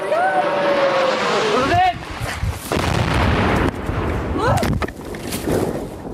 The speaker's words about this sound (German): Dann kommt ein zischendes Motorengeräusch immer näher.